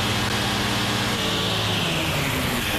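A steady, loud engine drone with deep low harmonics and a broad hiss on top, holding constant as the flying machine is slowly throttled up for lift-off, a valve controlling the engine's power, with no voices.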